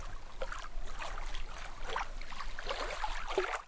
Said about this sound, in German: Am unteren Ende der Wasserachse plätschert das Wasser in ein großes Becken.